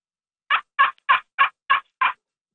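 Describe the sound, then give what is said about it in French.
Six raspy, evenly spaced turkey notes from a slate turkey call, a small slate disc in a wooden resonance box about 7-8 cm across played with a small stick, fairly loud, in a steady rhythm, with no talking. “Dans le fond, c'est un petit disque d'ardoise dans un caisson de résonance en bois d'environ un diamètre d'environ 7-8 cm avec un petit bâton”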